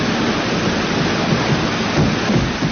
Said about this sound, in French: je vous fais écouter la bande-son de ce film mythique, cette cascade sur le métro, Peur sur la ville. Vous l'entendez, le métro.